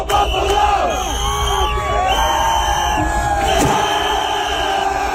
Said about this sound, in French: Toujours est-il que la foule, on l'entend, les encourageait.